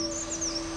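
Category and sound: bird, birds calling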